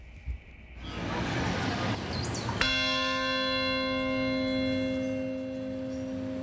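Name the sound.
bell tolling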